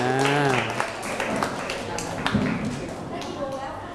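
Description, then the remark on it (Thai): A class breaks into applause for all the groups, a dense, steady patter of many hands clapping for several seconds, with a man's voice speaking briefly over the start. “ปรบมือให้กับทุกกลุ่มครับ”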